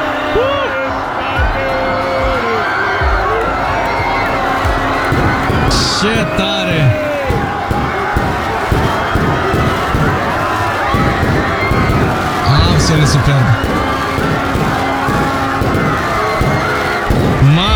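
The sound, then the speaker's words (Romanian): A dense crowd of Spaniards and others celebrating in Vila Real, Spain, roars and cheers steadily throughout, with scattered shouts, whoops and bursts of noise rising above the din, while a couple of voices briefly talk over it. “Hai să-l auzim, să-l vedem, să vedem cum s-au bucurat spaniolii și nu numai, toți cei care au fost pe acolo.”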